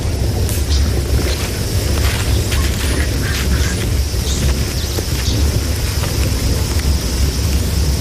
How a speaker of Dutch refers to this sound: Zullen we maar een beetje verder lopen? Want het onweer komt steeds dichterbij.